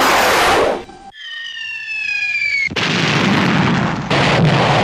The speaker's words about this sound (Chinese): 他的脑子又响起连天的枪炮声。